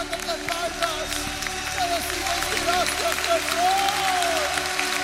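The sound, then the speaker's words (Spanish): A crowd claps and cheers steadily, dense applause mixed with rising and falling shouts and whoops, loud and sustained throughout. “¡Cuánto dan un grito de jubilación!”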